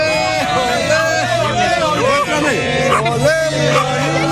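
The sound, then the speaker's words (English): Dense crowd chatter outside a hotel during the World Cup, the crowd including a group of Australians and Iranian Americans from San Diego: many voices talking over one another in a steady, loud babble, with no single speaker standing out and no pauses. “At the hotel, the crowd grows.”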